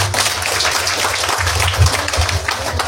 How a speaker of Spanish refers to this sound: ahora va a estar dando uso de palabra como concejal municipal el próximo intendente de Santaní, el ingeniero Carlitos Verón. Fuerte los aplausos.